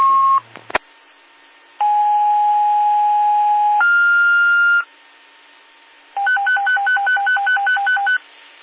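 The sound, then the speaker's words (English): Radio dispatch paging alert tones sent out for Pleasant Valley Medic 1 to a medical call at 81 Tyrell Road: a long steady tone steps up to a higher pitch, then after a pause a rapid warbling alternation between two pitches, loud and clear with no talking. “We're toning it out now.”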